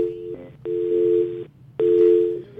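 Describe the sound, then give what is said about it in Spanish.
A telephone busy tone pulses in steady on-off beeps, three clear bursts of a flat mid-pitched tone over a low background hum, fairly loud, with no talking, after a listener's call to a phone-in program drops, apparently because of the many calls coming in. “Se cae, parece que por tantas llamaditas que tenemos.”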